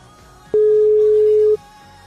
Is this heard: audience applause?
no